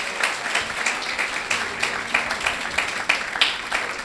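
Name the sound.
audience applauding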